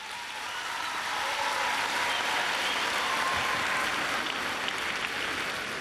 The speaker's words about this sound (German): Begrüßen? Ja, da kann man schon mal klatschen.